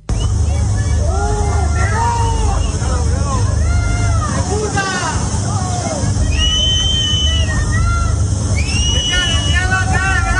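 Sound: angry residents shouting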